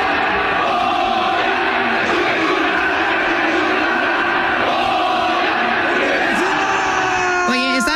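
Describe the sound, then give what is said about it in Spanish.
A large stadium crowd roars and chants 'Goya, Goya' in unison, joined by Efraín Juárez with his son; a dense, sustained wall of voices that swells and falls steadily for several seconds, loud and reverberant. “Efraín Juárez fue de la mano con su hijo y gritó así con el público, ¿no?”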